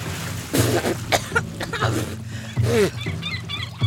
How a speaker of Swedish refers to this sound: Plötsligt är det vatten överallt. I ögonen, i öronen, i näsan, i munnen. Jag hostar och frustar.